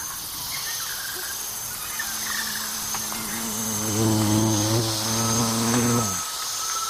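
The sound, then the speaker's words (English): A dense, steady chorus of rainforest insects buzzes and trills high and continuous throughout, with a low droning hum swelling underneath partway through before fading out. “And it's almost impossible to see the sources of sounds, of all those different sounds that you hear in frogs, insects, birds, and of animals constantly.”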